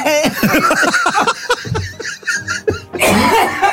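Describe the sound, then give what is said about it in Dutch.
A coughing fit from someone who choked on a crumb: a run of strained, voiced hacking bursts, a brief gap, then one harsh, forceful cough at the end. “Oh, ik moet enorm hoesten.”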